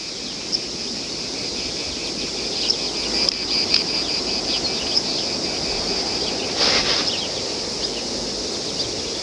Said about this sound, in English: This lack of speech in the face of the cicada's sound is something which, according to the myth told by Socrates, would cast a spell on the gunman.